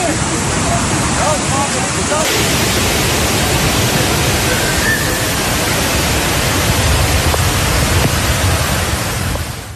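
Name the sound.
rushing floodwater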